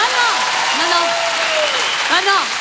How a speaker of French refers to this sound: Applaudissements pour ma meilleure amie, Anne Roumanoff.